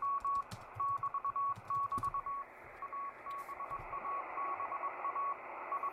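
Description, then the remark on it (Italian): A steady stream of Morse code tones beeps in quick dot-and-dash rhythm over hissing, crackling shortwave radio static, the signal clear and continuous throughout with no voices. “6609 kHz, Morse code, vediamo cosa trova.”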